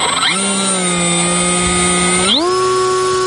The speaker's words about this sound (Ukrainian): Це командир екіпажу 151-го окремого розвідбатальйону на псевдогрін. Він запускає розвідувальний безпілотник.